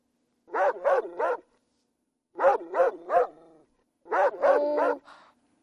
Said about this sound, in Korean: 에이, 강아지 소리가 뭐 그래. 강아지는 멍멍이지.